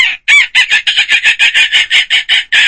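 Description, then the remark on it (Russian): A voice imitates seagull cries: a rapid run of about a dozen shrill, nasal squawks in steady rhythm, loud and alone with no talking. “Звук давайте... чайки, да, тоже. О, классно. Давай, чайки, это классно.”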